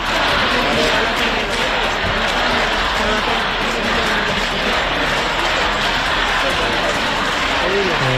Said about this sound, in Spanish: Aplausos, ese ambiente de unos aplausos y de apoyo